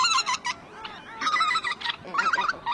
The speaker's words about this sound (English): Wetlands around Tshekpuk Lake are among the most vast in the entire Arctic. They're critical for millions of birds to breed every year. This is a nursery for so many of our birds.